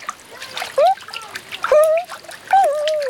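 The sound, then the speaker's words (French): Water splashes and dribbles in quick, irregular bursts as Toudou dog-paddles in a paddling pool of warm water, with a few high, sliding squeal-like tones rising over the splashing. “Et maintenant, il fait la nage du petit chien.”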